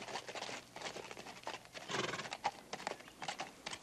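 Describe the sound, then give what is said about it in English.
Horse hooves clip-clop steadily in an irregular patter, with a horse's whinny mixed in, moderately loud with no talking. “Step down off that horse.”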